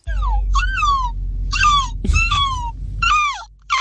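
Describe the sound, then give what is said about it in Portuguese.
A person imitates a seagull for a listeners' seagull-imitation contest, voicing a series of about five high, wavering, descending cries in quick succession over a low, steady rumble. “E os nossos ouvintes têm enviado aqui muita imitação de gaivota.”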